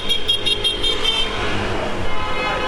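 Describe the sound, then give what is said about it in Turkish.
Several car horns honk over steady street traffic noise, overlapping in repeated bursts near the start and continuing less distinctly, as vehicles honk to celebrate Arsenal's championship; no voices. “Gördüğünüz gibi araçlar korna çalarak kutlamalarını yapıyor.”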